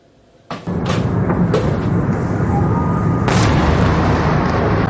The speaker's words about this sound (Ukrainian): Спершу звук, потім вибух. Спочатку удар, а вже потім повітряна тривога. Такий вигляд мають атаки російських балістичних ракет, які українці переживають уже понад 4 роки.